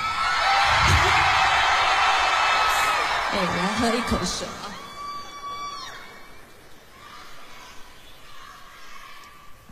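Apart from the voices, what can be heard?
audience screaming and cheering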